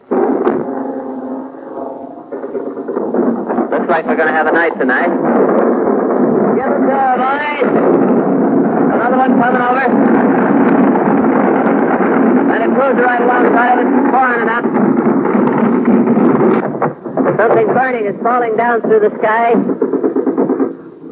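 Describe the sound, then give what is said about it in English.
Anti-aircraft flak fire from warships around the headquarters ship Ancon off the French coast thuds and booms as it goes up into the sky, under a man's continuous, urgent narration, with a steady rumble and wind buffeting filling the background throughout. “Our own ship has just gave its warning whistles, and now the flak is coming up in the sky.”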